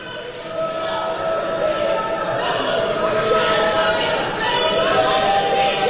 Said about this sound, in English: Those people in that crowd yelling at Joe Biden for not being critical of Israel enough